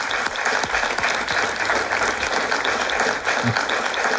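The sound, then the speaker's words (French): A crowd in Dour claps steadily for several seconds, a dense, even wash of many hands with no pauses, fairly loud throughout and without voices standing out. “Je pense en tout cas que tout ça s'applaudit.”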